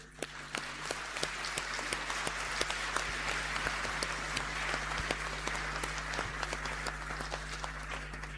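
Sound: audience applause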